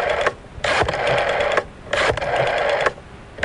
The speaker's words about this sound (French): Ne quittez pas, on recompose le numéro de téléphone.